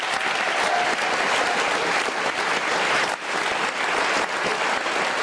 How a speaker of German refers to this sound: Dieser Talk ist immer, wir stehen hier vorne und kriegen den Applaus, aber die machen die tolle Arbeit.